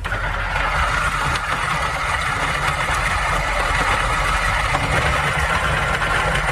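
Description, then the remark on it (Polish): A coffee grinder grinds 15 grams of freshly roasted coffee beans for brewing, its motor whirring at a steady, loud mid-range pitch with a rough, gritty texture of beans being crushed, and no one speaks. “zmielić kawę i zalać ją wodą”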